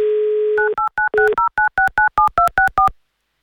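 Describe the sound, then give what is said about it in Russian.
A steady telephone dial tone gives way to a quick, even run of about a dozen touch-tone dialing beeps, each a short two-note chirp, loud and clear with no voices, as Avtoradio calls a listener in Tomsk Oblast, Russia. “Звоним в Томскую область.”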